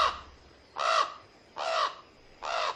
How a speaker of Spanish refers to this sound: ¡No! ¡Oh! ¡Cuervo! ¡Se llevó nuestra carta! ¡Y trae algo más!